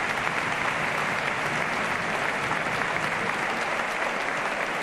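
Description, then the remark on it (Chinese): Steady, dense applause from the Racing de Santander home fans at a football match, clapping for an injured player; a continuous wash of clapping that holds at an even loudness for several seconds with no voices standing out. “桑坦德的主场球迷还是对他报以了掌声。”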